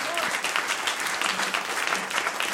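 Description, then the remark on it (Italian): An audience applauds musicians after a live jazz quartet concert: dense, steady clapping from many hands fills the whole stretch at an even, moderately loud level, with no pause or build. “Ancora un bel applauso”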